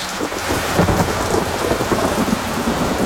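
Steady heavy rain pours down with a low rumble of thunder rolling underneath, dense and continuous throughout, with no voices present.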